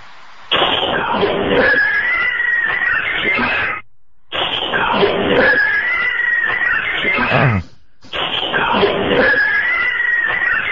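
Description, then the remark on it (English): A played recording of a cat's eerie, drawn-out yowling, loud, with wavering pitched wails over a rough, noisy background. The same stretch repeats three times, each separated by a short gap of silence. “We had other recordings where you could hear cats meowing on there.”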